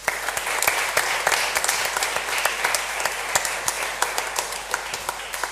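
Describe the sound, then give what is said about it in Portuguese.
A crowd at a Novena of Peace applauds the volunteers steadily for several seconds, many hands clapping in a dense, even wash with sharp individual claps standing out, loud and sustained without any voices. “Para eles, uma salva de palmas.”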